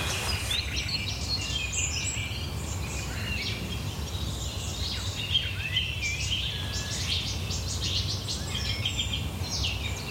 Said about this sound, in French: Non. C'est grave, c'est un chant grave quand même. Hein. Tu vois? Ça, c'est typique du Rossignol Philomèle, ce départ, là.